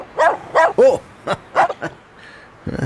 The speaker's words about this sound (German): Wuff, wuff, wuff.